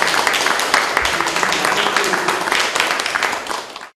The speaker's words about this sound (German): Und ich denke, es ist eine riesige Wertschätzung, 1850 Kilometer, das muss man erstmal leisten und ich denke, da können wir vielleicht auch dafür nochmal einen Beifall spenden.